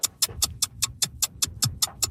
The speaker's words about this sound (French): Vous entendez l'horloge?